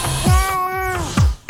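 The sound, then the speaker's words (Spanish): A cat, Gato Ñao, meows, a long, wavering, drawn-out cry that rises and falls, followed by the start of another meow. No one speaks. “Ya, si tienen algo para comer, dice el Gato Ñao, que le traigan mañana.”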